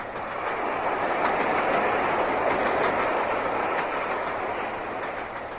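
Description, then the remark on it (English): A moving train rumbles and clatters along the rails in a steady, continuous, loud wash of noise, heard from on board the train, with no voices. “Come on, we'll scour the train.”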